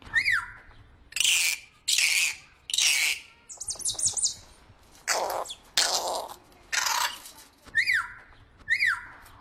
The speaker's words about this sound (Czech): Papoušek! Paráda, holky a kluci, super, Ušoune, zase jste to uhodli. A vám díky, pane papoušku.